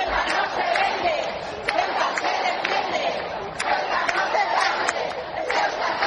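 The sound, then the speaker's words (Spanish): A large crowd of thousands in the streets of Ceuta, Spain, shouts and cheers to greet King Felipe VI and Queen Letizia, in a continuous, dense roar, with overlapping voices and occasional sharper yells rising above the steady clamor throughout. “Pues con gritos como estos han llegado a los reyes, el rey Felipe VI y la reina doña Leticia, a la ciudad autónoma de Ceuta.”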